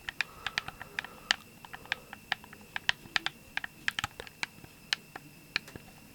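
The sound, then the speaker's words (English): Crisp plastic snaps from the joysticks of an Xbox One game controller, a rapid, irregular string of sharp clicks with no talking. “The joysticks too make a very nice plastic snap.”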